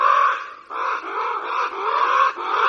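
Harsh, raspy bird calls, likely a crow, run loud and almost without pause, with a few brief dips between rough cawing bursts. No voices are heard.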